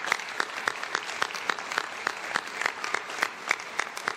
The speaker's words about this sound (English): You are a true Canadian success story, and a big round of applause to you and the 350 workers.